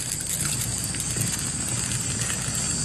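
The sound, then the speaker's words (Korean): A campfire burns in deep darkness, crackling and popping steadily as branches burn and send up small sparks, with dense irregular snaps over a constant low roar of flames and no voices. “툭 하고 나뭇가지 하나가 타들어가며 작은 불꽃이 퍼진다. 타닥타닥 모두 말없이 불을 바라보고 있다.”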